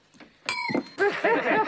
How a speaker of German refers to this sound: Wollen Sie bitte für mich ans Glas klopfen?